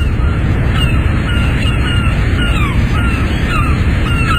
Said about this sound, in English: I'm nowhere near the sea, but every summer we go down to Ballybunion and I can't wait to hear something that I bet you coastal folk don't like. Seagulls.